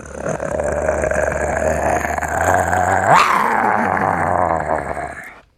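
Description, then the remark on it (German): A person imitates a tiger's growl in a game of imitating animals whose names begin with T: one long, rough, rumbling snarl held for several seconds, rising sharply in the middle before trailing off, loud, with no other talking. “Ja, was denn für welche? Einen Tiger.”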